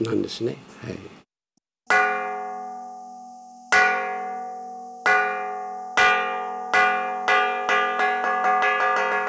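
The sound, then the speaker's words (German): After a brief voice, a gong at Tentokuji, a 300-year-old Buddhist temple in the city of Akita, is struck to call to a meal, slowly at first, each ringing tone lingering, then the strikes quicken into a rapid accelerating roll of resonant metallic hits. “Die Gongschläge rufen zum Essen.”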